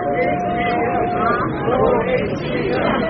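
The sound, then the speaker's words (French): A large crowd in Seoul chanting "More HBM" in unison around the head of Nvidia, a dense wall of many voices that stays loud and steady throughout, with a thin sustained tone briefly audible above the din at the start. “More HBM, plus de mémoire à large bande passante, en français, c'est ce que clame la foule autour de John Sang-young, le patron de Nvidia, l'entreprise qui conçoit les puces devenues incontournables pour l'intelligence artificielle.”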